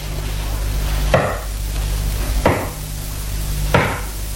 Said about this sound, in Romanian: Dar cine bate în poartă la vremea asta? Cine dracu mai vine să ne tulbure? Nu lăsa pe nimeni să intre.